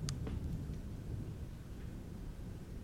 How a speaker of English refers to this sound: Damn, that thunder.